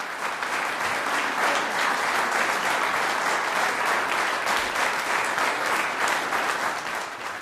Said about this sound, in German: Franz Danzi, Bläserquintett in G-Moll. Das ist der Applaus für das Quintett Aires Tropicales.